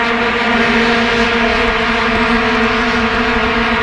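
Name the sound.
vuvuzelas droning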